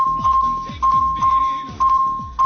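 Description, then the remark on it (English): A rapid burst of phone text message alerts, as when about six text messages arrive within a few seconds: the same short electronic chime repeating in quick succession over a steady high tone, fairly loud. “That's when you get like 6 text messages in just a few seconds.”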